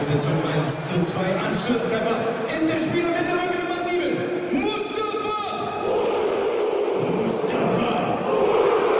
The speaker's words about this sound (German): So, Tor für Hannover 96 und den Jubel genießen wir jetzt mal.